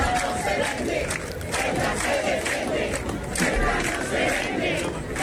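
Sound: demonstrators chanting slogans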